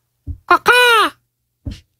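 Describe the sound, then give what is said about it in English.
A person imitates a macaw with a loud, harsh squawk that slides downward in pitch, preceded by two short throaty bursts and followed by one more brief rasp. “Oh, that was the macaw.”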